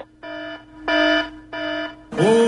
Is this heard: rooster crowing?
no